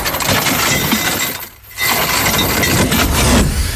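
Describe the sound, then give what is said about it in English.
An anchor being dropped: a loud, dense metallic rattling and clattering of chain that stops briefly partway through, then rushes on again just as loudly. No one speaks. “It was indeed an anchor.”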